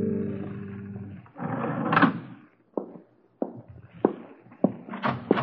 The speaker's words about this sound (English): You're late. I heard your footsteps in the hall. I opened my door and let out a call.